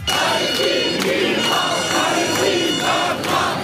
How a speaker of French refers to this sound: près de 200 militants pro-palestiniens ont perturbé la prestation de l'artiste … avec des chants en faveur de la Palestine